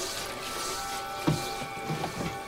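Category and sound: household object, running faucet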